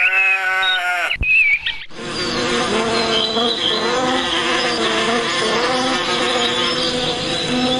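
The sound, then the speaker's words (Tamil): A dense, steady drone of many honeybees buzzing in a garden, continuous and fairly loud for several seconds, preceded by a brief tonal, bleat-like sound and a short pause. “தேனி எல்லாம் எப்படி ஒற்றுமையா இருக்கு! இதோட சத்தத்தை கேட்டுக்கிட்டே இருக்கணும் போல இருக்கு.”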